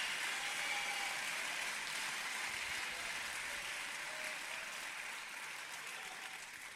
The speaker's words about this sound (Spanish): No te dé miedo de aplaudir si es que el Señor te está abriendo los ojos para.